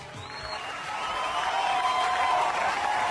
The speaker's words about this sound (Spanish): Y va a estar con nosotros, y pido ya el fuerte, fuerte, fuerte, fuerte, fuerte aplauso para el nuevo ídolo de volumen 2.